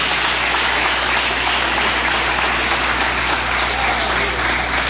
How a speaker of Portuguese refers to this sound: Palmas bem fortes, alegres para Cristo.